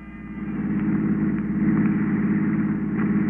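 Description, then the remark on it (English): An old hired touring car's engine runs steadily, its low throbbing rumble swelling slightly as it settles into a continuous, even drone with no voices. “The next morning, I packed my bags and hired a touring car.”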